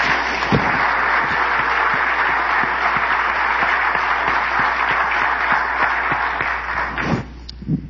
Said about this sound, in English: 1 month from today, we celebrate the 250th anniversary of the Declaration of Independence, and that deserves a round of applause from everyone here.